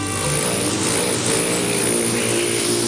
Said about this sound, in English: Don't be fooled by the gentle whirring sound of a hummingbird in flight. This male rufous hummingbird performs elegant and aggressive courtship displays to defend his territory.